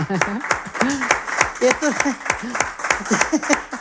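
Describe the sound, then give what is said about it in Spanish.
An audience applauds steadily for a few seconds after a sung folía, sharp irregular claps running throughout, mixed with voices calling out and talking over the clapping. “Bueno, pues un aplauso, desde luego.”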